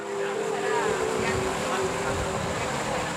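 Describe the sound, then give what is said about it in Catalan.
A boat engine drones steadily with rushing water and wind noise, heard over a live link from a boat at sea on which a crew embarks to follow an eclipse; a continuous even rumble throughout, while indistinct voices murmur faintly underneath. “Bé, doncs la colla s'embarca perquè ho seguirà des d'un vaixell, ho explicarem des del mar.”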